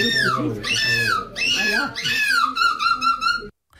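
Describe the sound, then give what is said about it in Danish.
A person who won the European Championship in seagull screeching a few days earlier imitates a seagull's screech with a run of loud, shrill, wailing cries that swoop downward in pitch, three or four calls in a row before an abrupt stop. “hun vandt åbenbart for et par dage siden EM i mågeskrig.”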